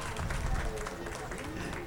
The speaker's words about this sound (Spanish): Mira qué bonito. Más fuerte y bonito el aplauso para mi hijo aquí.